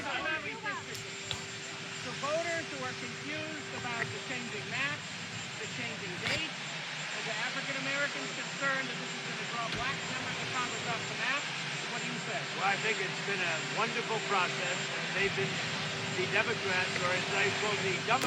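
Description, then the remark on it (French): A helicopter engine runs steadily, a loud, continuous turbine whine and roar that never lets up. Several voices talk and call out underneath it as journalists question Donald Trump just before he boards the helicopter for the Saint-Andrews base. “Donald Trump, décidément très bavard, juste avant de monter dans l'avion pour la direction, dans l'hélicoptère, direction la base de Saint-Andrews, puis Pékin, il part rencontrer Xi Jinping, beaucoup de questions de journalistes”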